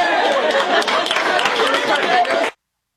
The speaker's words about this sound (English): What are they cheering for?